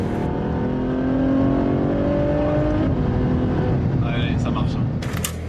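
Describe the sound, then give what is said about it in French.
A Ferrari F12 Berlinetta N-Largo tuned by Novitec roars its V12 loudly through a huge exhaust at a 500 Ferrari contre le cancer event, its pitch climbing steadily as it revs for a few seconds, then settling into a sustained rumble with a brief higher burst at the end. “Elle s'appelle N-Largo, et parce qu'elle a les ailes plus larges, du carbone, des jantes changées, on aime ou on n'aime pas, mais il y a surtout un énorme échappement qui fait hurler son V12.”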